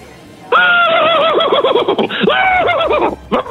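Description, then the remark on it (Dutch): A person imitates a horse's whinny with a loud, wavering, quivering neigh lasting a few seconds, its pitch rising and falling in rapid undulations before stopping abruptly. “Misschien nog één keer dat paard van jou?”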